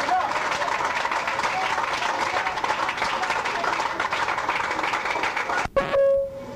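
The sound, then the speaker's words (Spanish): An audience at a church healing service applauds God steadily, a dense wash of clapping mixed with crowd noise for about six seconds, then it breaks off abruptly and a brief tonal ring follows. “Otro aplauso a nuestro Rey, hermano.”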